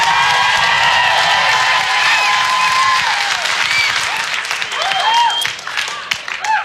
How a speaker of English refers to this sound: Still using the applause as vote system. How many people like pie more than cake?